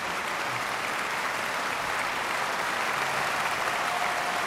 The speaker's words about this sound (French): Vous entendez les applaudissements particulièrement chaleureux du public lucernois au terme de cette partition que Ravel considérait lui-même comme l'une de ses œuvres les plus légères, les plus brillantes aussi.